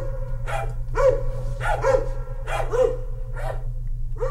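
A dog barks repeatedly, about six sharp barks in a fairly steady rhythm, loud over a constant low background hum.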